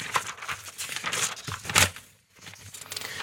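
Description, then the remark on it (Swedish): Paper pages being flipped, a series of dry rustles and crinkles with one louder swish near the middle, moderately loud, with no voices. “Då bläddrar jag lite. Det är inte så långt att bläddra heller, det är bra.”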